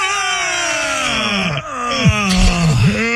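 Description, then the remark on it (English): A long, loud, strained groan from one person breathing while stretching, pitch sliding down and wavering with breathy rasps, sustained for several seconds with no words. “I was breathing. Breathing. Yeah, breathing. Uh-huh. Stretching at the same time.”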